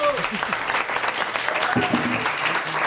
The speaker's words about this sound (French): Et voilà, une première bonne réponse. On peut applaudir